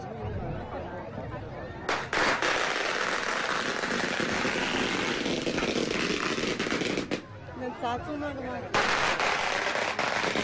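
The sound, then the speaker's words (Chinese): Long strings of firecrackers crackle loudly and continuously in rapid bursts at a 'gong pao cheng' (attacking the firecracker castle) event, pausing briefly before erupting again, with voices faintly audible beneath the dense popping. “你好，你好，我们是时事融媒的，我们现在正在直播，我看到你手上拿着鞭炮，我要参与吗？”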